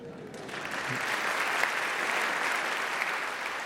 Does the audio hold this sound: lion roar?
no